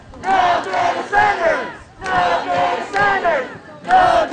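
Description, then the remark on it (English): A large crowd of hundreds of protesters holding signs chants loudly in unison at City Hall in Coachella, protesting a proposal to build 6 data centers in the city, repeating the same short phrase in rhythmic bursts about every two seconds, with no single voice standing out. “Hundreds held signs and chanted at City Hall to protest a proposal to build 6 data centers in the city.”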